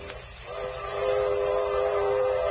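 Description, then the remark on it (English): A freight train rolls steadily along the rails, a constant loud rumble with a sustained, horn-like metallic tone swelling in after a moment and holding throughout. No one speaks. “How much longer we gotta hop these freights?”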